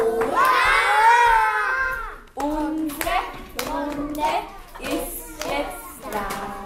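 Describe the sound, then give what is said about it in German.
A group of children in a Vienna municipal kindergarten in the 10th district clap their hands loudly in rhythm during the morning circle ritual while their voices chant and sing along, opening with a long, drawn-out shout before the claps begin. “Alle klatschen laut.”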